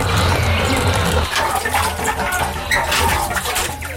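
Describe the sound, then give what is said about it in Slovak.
Water drawn from a well pours and splashes steadily for several seconds, a loud, continuous gush with a low rumble at first. “Ešte predtým, nech sa napijú vody zo studne.”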